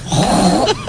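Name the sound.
human imitating a pig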